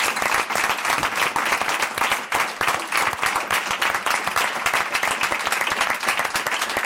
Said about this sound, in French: On peut les applaudir, s'il vous plaît.